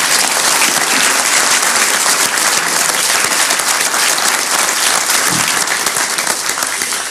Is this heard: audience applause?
yes